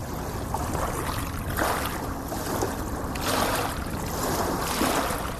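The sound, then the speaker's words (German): Long waves wash up a beach in steady surges, a dense rushing hiss that swells and recedes without pause as the water drags sand and small stones back down the beach. No voices. “Wenn man den Sand sägen hört und das Schlurfen der kleinen Steine in langen Wellen”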